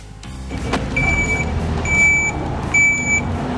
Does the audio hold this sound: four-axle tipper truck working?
yes